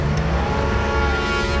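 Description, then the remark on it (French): A car engine rumbles as the car finally starts up again and pulls away, its steady drone rising slightly in pitch. No voices, just the continuous motor noise. “La voiture redémarre enfin.”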